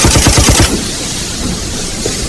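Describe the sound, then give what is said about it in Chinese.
A rapid burst of about eight sharp warning gunshots, fired on a railway bridge on the way to Nanchang to make others stop, fires in quick succession for half a second, loud and even in rhythm, then cuts to a steady low rumbling hiss. “枪示警，让他们停下！”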